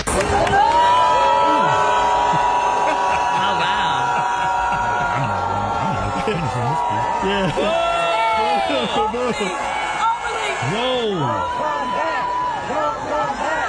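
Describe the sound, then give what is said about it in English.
A large crowd at a Howard University commencement in Washington, D.C. boos Mayor Bowser loudly and steadily, many voices overlapping in a dense, sustained roar with rising and falling shouts that never let up. “But at Howard University in D.C., Mayor Bowser got booed.”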